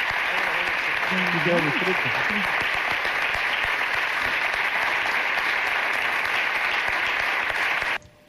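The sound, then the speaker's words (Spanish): A theatre audience applauds steadily in a dense, sustained wash of clapping as an award honouring a man is collected by his wife and daughter, with faint voices calling out briefly early on, until the applause cuts off abruptly near the end. “Emoción en el teatro y merecido reconocimiento y aplauso.”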